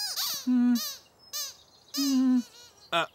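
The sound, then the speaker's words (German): A rubber duck squeaks five times in quick, uneven bursts, shrill and whistling, some with a low honking undertone, separated by short pauses. No voices are heard. “Das Quietschen vom Quietscheentchen hört sich ganz genauso an wie beim letzten Mal, als du auf es draufgedrückt hast”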